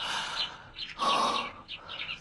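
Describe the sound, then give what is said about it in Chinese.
Small birds sing and chirp in short, bright bursts, with one clearer whistled note in the middle; the birdsong is moderately loud, with no voices. “哎，小鸟叫得真好听。”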